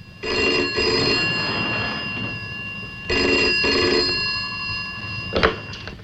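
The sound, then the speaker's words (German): A telephone rings in two long, steady bursts of a bright, buzzing bell tone with a pause between, followed by a brief click as the ringing cuts off. “Noch immer keine Antwort. Lass weiter läuten.”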